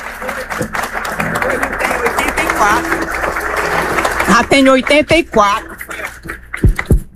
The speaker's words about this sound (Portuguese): Uma salva de palmas.